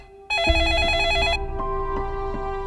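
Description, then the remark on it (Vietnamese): A telephone rings with an incoming call, a bright, trilling electronic tone that starts suddenly, warbles for about a second, then continues as steadier repeated pulses, fairly loud with no talking. “Và lúc trước khi ra khỏi cửa, tôi nhận được cuộc điện thoại”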